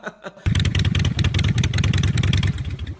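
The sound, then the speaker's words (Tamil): A newly bought motorcycle's engine roars to life after a brief quiet moment, then revs hard with a loud, rapid, throbbing rumble and rattling pulses that continue steadily to the end. “அதுல வந்த வருமானத்துல ஒரு பைக் வாங்கிட்டான்.”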